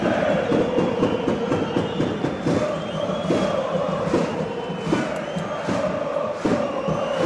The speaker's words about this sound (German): Und jetzt ist hier was los. Hört mal rein in die Stimmung im Stadion an der Alten Försterei.